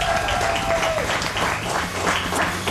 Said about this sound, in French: On peut applaudir Mathieu les amis.